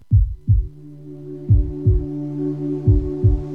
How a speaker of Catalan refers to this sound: Sents el cor? Batega fort, oi? Batega per tu, batega per ell, batega per ella, batega per ell, batega per tots. No sempre batega tan fort.